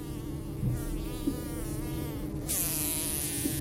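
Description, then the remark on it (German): Wasps living between the side wall and roof of a house buzz in a steady, overlapping drone, their pitch wavering slightly as several insects hum together without pause. No one speaks; the buzzing fills the whole stretch at a moderate level. “Diesen Sommer wohnen wieder Wespen zwischen Seitenwand und Dach.”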